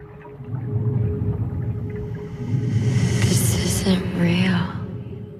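A muffled, low underwater rumble inside a water-filled glass case fills the scene steadily, with eerie high sweeping, whale-like tones gliding in and out near the middle.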